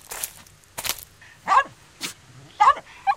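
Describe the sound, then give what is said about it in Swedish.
A neighbour's happy small dog yaps in a quick series of about six short, sharp barks, some higher and yelping, clear against a quiet background. “Den glöfser och vill nosa på Nalle. Hunden slickar Nalle på kinden.”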